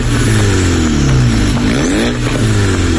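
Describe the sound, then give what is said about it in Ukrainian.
A car engine revs loudly and continuously as cars race through the streets, its pitch rising and falling in strong harmonic sweeps, with a deep rumbling drone throughout and no voices. “Ганяють вулицями і ревуть, як шахеди.”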